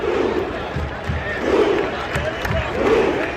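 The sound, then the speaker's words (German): A stadium crowd of Norwegian football fans at the World Cup chants in unison, the whole stand rowing in time and roaring, loud bursts of shouting repeating in a steady rhythm about every one and a half seconds, with a constant roar of voices between them. “Die norwegischen Fans sind so irre, die komplette Kurve macht Ruderbewegungen im Takt und brüllt dazu.”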